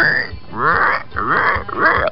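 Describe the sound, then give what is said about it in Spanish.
A voice imitates a pig grunting and oinking, making three loud, nasal, squealing bursts in quick succession. “Ok, el puerco lo sabe. El puerquecito.”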